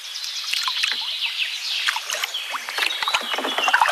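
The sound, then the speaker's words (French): Canoe paddles, one on the right and one on the left, dip and splash steadily through river water at Péquigny, with irregular sloshing and dripping strokes over a continuous watery hiss; no one speaks. “Moi, je vais pagayer à droite, tu vas pagayer à gauche.”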